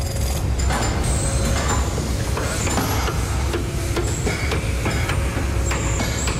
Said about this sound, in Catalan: Què és ixe so constant que s'escolta de fons en tota la gravació? Eixe so que escoltem de fons és el de la sala de compressors on tota l'electricitat necessària per a tan monumental tasca es tradueix en un so constant, profund i homogeni.